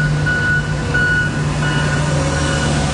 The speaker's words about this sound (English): Traffic is rolling again here on the southbound Don Valley Parkway, but earlier the only sounds were from street sweepers and front-end loaders.